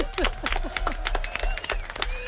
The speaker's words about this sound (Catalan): Fort aplaudiment, molt bé.